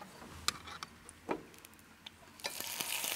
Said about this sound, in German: Wenn man das jetzt einfach so da drin braten wird, wird es schwarz werden, ne? Ja, deshalb klein bisschen Öl dabei und die Äpfel dazu.